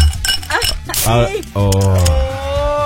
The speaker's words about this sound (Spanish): Y aún así, mira, vamos a destapar una coquita,